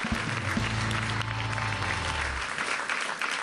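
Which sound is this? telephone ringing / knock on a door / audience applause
audience applause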